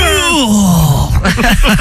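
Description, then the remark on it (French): A voice imitates a man's strained grunting moan during sex, likened to a weightlifter's: a long groan sliding downward in pitch, then a run of short, choppy grunting bursts, loud throughout. “Le mec, il faisait le bruit d'un haltérophile qui”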